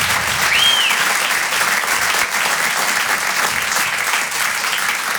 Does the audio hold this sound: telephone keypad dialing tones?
no